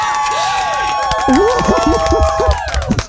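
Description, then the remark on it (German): A loud crowd cheers and claps continuously, with shouting voices and whooping rising and falling over a dense wash of applause throughout. “Applaus, Applaus!”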